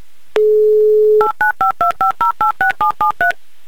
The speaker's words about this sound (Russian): Вот так вот быстро, оперативно мы набрали номер телефона.